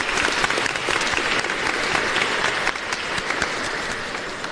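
Steady, dense applause for a couple after a wedding blessing, many hands clapping at once in a continuous bright patter that holds at a fairly loud, even level throughout.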